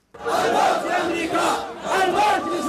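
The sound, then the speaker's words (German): A large crowd of Houthi supporters chants slogans such as "Death to America, death to Israel" at a rally in Sana'a, Yemen's capital: loud massed voices rising and falling in rhythmic surges, with two strong bursts of shouting separated by a brief dip. “Mit Parolen und Marschmusik geben sich die Houthi in Jemens Hauptstadt Sana'a kämpferisch.”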